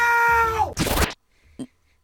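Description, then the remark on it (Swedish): A very loud human shout of the word "now", measured at 122.4 decibels and set as a Guinness World Record: a sustained, strained, high-pitched cry that slides downward, then a harsh, noisy blast. After a pause comes one short, sharp sound. “Han skrek now i 122,4 decibel.”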